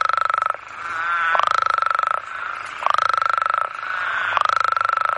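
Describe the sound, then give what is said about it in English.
Loud, raucous calls of male toads at a temperate breeding site repeat in pulsing bursts about every second and a half, a harsh buzzing trill with a chorus droning underneath and no talking. “They have very loud calls, like a lot of frogs, but these guys in particular have really loud calls.”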